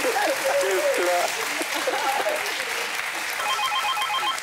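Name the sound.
applause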